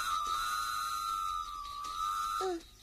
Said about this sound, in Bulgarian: Какво става? Защо свири локомотива? Нищо особено. Влакът ще прескача едно поточе.